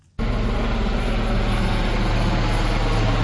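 A helicopter's engine and rotors roar loudly and steadily, searching the sea for survivors after a ferry sank off the coast near Kyrenia, northern Cyprus. The sound cuts in abruptly after a brief quiet and drones on without pause, with no voices.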